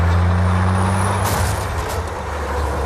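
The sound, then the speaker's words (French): A tanker truck's engine rumbles low and steady while sharp air-brake hisses burst out partway through, followed by a shorter second hiss, all loud; from a chase on California roads in a Steven Spielberg film. “Il faut noter, c'est important, que dans cette course-poursuite, Steven Spielberg ne montre jamais le chauffeur du camion-citerne.”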